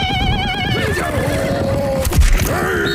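A horse whinnies loudly, a high wavering neigh that slides downward and trails off, followed by a brief snort and a shorter second call, with no talking over it.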